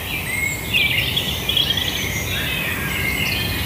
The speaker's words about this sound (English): We got Robin there. Robin. Blackbird. Wood pigeon.